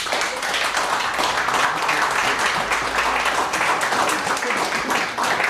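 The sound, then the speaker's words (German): An audience in Vienna applauds team number 1, the 'Stadtmenschen', a dense wash of many hands clapping at a constant, fairly loud level for several seconds without any talking on top. “Applaus für Stadtmenschen.”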